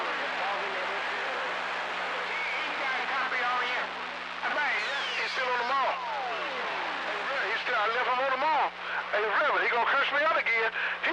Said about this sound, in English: I gave number three a radio check.